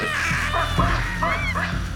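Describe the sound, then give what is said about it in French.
A baboon troop at Gombe, panicked at meeting a woman exploring the area, gives powerful alarm calls that resound through the valley: a rapid jumble of harsh, overlapping barks and honking cries that keep going without a break. No one speaks. “Paniquée de l'avoir rencontrée, la troupe de singes se met à pousser de puissants cris d'alarme qui résonnent dans toute la vallée.”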